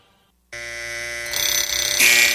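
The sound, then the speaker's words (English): An alarm clock suddenly starts ringing, a loud, steady electronic tone with dense harmonics that grows harsher and brighter after a second, continuing without pause and with no one talking. “All right, snooze alarm, here you go.”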